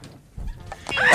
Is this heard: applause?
no